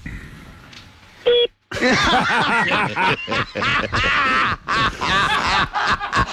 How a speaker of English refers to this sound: I want you to do that starting beep again.